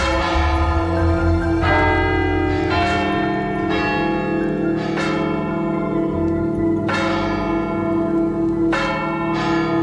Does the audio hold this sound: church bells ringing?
yes